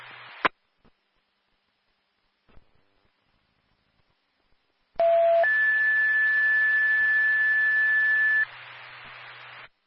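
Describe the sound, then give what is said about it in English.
An alarm system gives a steady electronic tone lasting about three seconds over a loud hiss, starting with a short lower note. It follows a brief static burst and several quiet seconds. “Welcome back to 2174, 950 Daily Drive, off of Perth Simmons Lane, the alarm system.”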